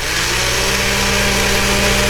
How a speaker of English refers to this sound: And then the blender.